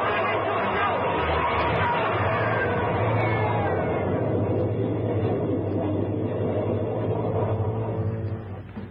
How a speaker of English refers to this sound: He's down into the tunnel. He's crazy. Come on, after him. Up the side. He's trapped, man. There's a train coming through.